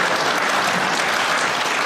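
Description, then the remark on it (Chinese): A crowd applauds steadily, a dense wash of many hands clapping at an even, fairly loud level throughout, with no voices standing out. “这样可以鼓鼓掌。”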